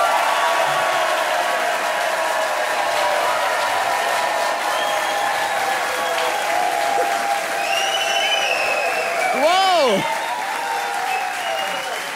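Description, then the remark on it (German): A large audience at the Satire-Sommer show broadcast from the Eifel applauds steadily throughout, dense clapping mixed with scattered whistles and cheers, including a loud rising-and-falling whistle near the end. “wo das überaus gut gelaunte Publikum sich offensichtlich freut, heute endlich unterhalten zu werden und sich nicht selber unterhalten zu müssen.”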